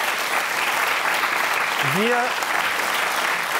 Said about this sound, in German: Nochmal einen kleinen Applaus hier, genau.